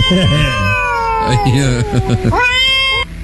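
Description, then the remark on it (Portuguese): A recording of cats fighting is played: loud, drawn-out yowls and caterwauling, the wavering howls overlapping and bending in pitch before rising into a sharp, shrill screech near the end. “Já que o grupo tá calado, vou botar uma briga de gato aqui.”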